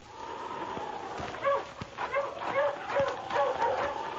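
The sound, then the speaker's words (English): Sled dogs bark and yip in a quick run of sharp, high barks, roughly twice a second, as they race over a well-packed trail in clear weather, over a steady hissing background. No one speaks. “The dogs raced over the well-packed trail.”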